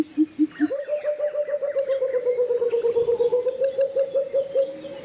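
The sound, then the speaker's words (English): A pheasant cuckoo calls: a few low whistled notes, then a long, rapid, evenly pulsed run of higher whistles, with a steady thin high-pitched drone running underneath. “That is the pheasant cuckoo.”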